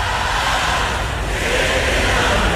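A huge arena crowd roars and cheers at full volume, a dense, continuous wall of voices that fills the space without letting up for the whole stretch.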